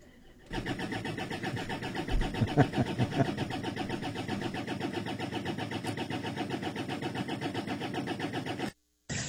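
The engine of an ethanol-fuelled Escort car called Cicatriz cranks steadily for several seconds in cold winter weather, a loud rhythmic whirring churn of the starter that never quite catches, then cuts off abruptly near the end.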